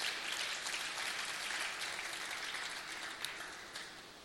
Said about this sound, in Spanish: ¿Cuánto le dan un aplauso a la palabra de Dios?